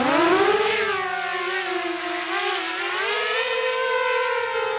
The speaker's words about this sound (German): Eine Drohne jagt über den Hügel. Ostukraine, rund 20 Kilometer entfernt von der Front.